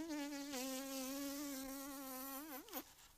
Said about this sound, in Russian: Жужжит вроде. Во-во. Это муха-чиновница.